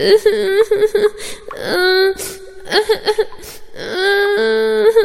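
A child cries in broken, sobbing bursts, high wailing tones interrupted by short catching breaths, with no talking around it.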